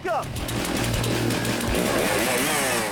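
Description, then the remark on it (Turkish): A stock chainsaw roars steadily as a competitor in a stock saw event at a competition cuts about 10 centimeters down through a log and back up, its loud buzzing engine shifting pitch slightly under load for a few seconds without pause. “Stok testere etkinliğinde yarışmacılar 10 santimetre aşağıya doğru kesip geriye yukarı çıkıyorlar.”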